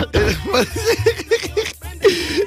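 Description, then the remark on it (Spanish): A loud run of about half a dozen quick, raspy coughs in a steady rhythm, followed by one longer, throaty cough to finish the fit. “Me pegaste la tos, carigo.”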